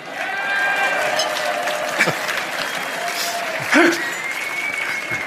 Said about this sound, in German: Der Applaus war ziemlich wenig, hast du gemerkt? Komisch.